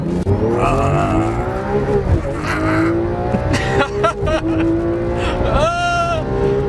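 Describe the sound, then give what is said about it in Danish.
Race car engines roar and rev continuously on a Danish racetrack celebrating its 60th anniversary, pitch sweeping up and down as they accelerate with the throttle floored, with a tire squeal cutting through near the end. “Fordi vi har fokus på en morgen med speederen fuldstændig i bund.”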